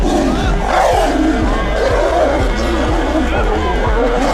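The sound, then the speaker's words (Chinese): Two tigers at a zoo roar and snarl as they fight in a loud, continuous scuffle of growls and deep rumbling bursts, with a crowd of people chattering and exclaiming throughout. “网友在动物园记录下罕见一幕，果然一山不容二虎。”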